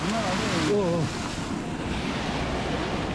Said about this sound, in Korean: 보기만 해도 위험할 정도로 파도가 정말 거셉니다. 몸을 제대로 가누기도 힘든데요. 잘못하면 순식간에 파도에 휩쓸려 갈 수도 있어.